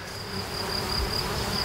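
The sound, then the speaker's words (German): A dense, steady drone of a honeybee swarm that has moved out of a beekeeper's bee house, gathered high up overhead; a continuous buzzing hum that fills the whole clip at moderate loudness with no talking. “Das ist ein Bienenschwarm, der ist da unten aus dem Bienenhaus ausgezogen.”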